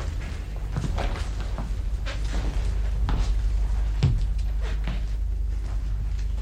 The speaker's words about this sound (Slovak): Najprv sa robili, že spia. A teraz už začali odkladať kamene pri dverách.